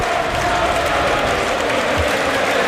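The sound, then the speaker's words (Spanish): A stadium crowd at a football match applauds a player leaving the pitch as a substitution is made, a dense, continuous wash of clapping and crowd noise that stays loud and even throughout, with no clear voices standing out. “Bueno, se marcha Skelly, aplaude la grada, le aplauden a él y va a entrar Martín Zubimendi.”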